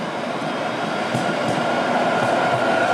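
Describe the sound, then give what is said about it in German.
Street traffic on the Mainzer Landstraße, one of Frankfurt's main roads, rolls past in a steady, loud roar with a broad hiss, a few soft thumps rising briefly out of the constant rumble. No one speaks. “Wir laufen jetzt schon, ohne dass man unsere Schritte hören wird, aber natürlich die Verkehrssituation hier um uns herum.”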